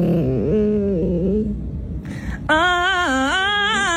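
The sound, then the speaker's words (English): A dog throwing a tantrum whines and moans in wavering, pitch-sliding yowls, then after a brief gap its owner, a TikToker, imitates those cries in a higher, louder, sing-song melodic way. “Her dog's tantrums and sound effects turned it into a catchy melody.”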